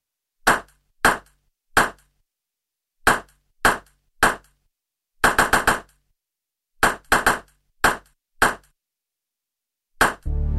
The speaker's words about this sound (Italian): Quanti rimbalzi ha fatto la pallina?